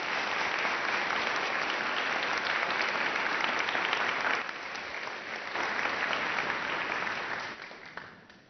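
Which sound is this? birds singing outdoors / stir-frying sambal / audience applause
audience applause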